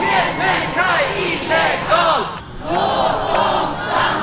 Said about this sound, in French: Aucun être humain n'est illégal, laissez-les rester. C'est le slogan scandé par la foule à Stockholm qui proteste contre la politique migratoire du gouvernement et les expulsions de jeunes arrivés mineurs en Suède.